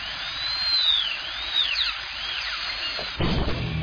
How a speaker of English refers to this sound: This 3 seconds brought to you by a dentist drill.